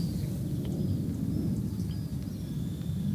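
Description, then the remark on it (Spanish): A person imitates a pig with a continuous, rough, low snorting grunt for about three seconds, steady and rumbling with a fluttering texture. “a ver, repítame el cerdo”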